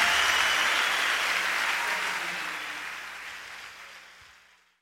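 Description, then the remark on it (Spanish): An audience applauds loudly for the Lord as king, a dense wash of clapping that holds steady for several seconds, then gradually fades away toward the end. “aplauso bien fuerte a ese rey.”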